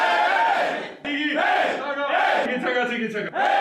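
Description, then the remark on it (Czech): A loud, hoarse victory chant shouted by a group of male voices of a hockey team, coming from the locker room after a winning game, sustained and rowdy, with brief breaks between bellowed phrases and a rising, strained pitch toward the end. “Co myslí bývalý hokejista Koukal nepovedeným pokřikem, ten vychází z kabiny vždy po vítězném utkání”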